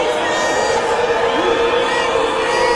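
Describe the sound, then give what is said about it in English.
A loud, dense crowd yells and shouts continuously, many voices overlapping into a steady roar with occasional rising cries, sustained throughout; the crowd is yelling "racist". “Yelling racist. Racist.”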